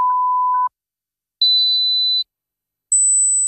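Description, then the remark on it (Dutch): Three steady electronic beeps, each under a second long with short gaps between, each one higher in pitch than the last, from a mid tone up to a shrill high one, played in an advert for a hearing test at Hoortzo in Spijkenisse. “Hoorde u geen drie piepjes zojuist?”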